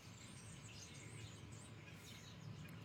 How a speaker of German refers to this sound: Also keine Ahnung, was das für Vögel sind, aber die sitzen hier alle direkt vor unserem Studio auf einem Mast nebeneinander auf der Stange. Bestimmt 50 Vögel. Das ist ein totales Gepiepse.